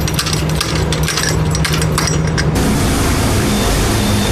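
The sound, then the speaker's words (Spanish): A large water tanker truck engine runs steadily in Canóvanas, a loud, continuous rumble with a low droning hum and clattering mechanical noise, its texture shifting partway through. No one speaks. “Y los camiones cisternas se han convertido en albergues para su resguardo.”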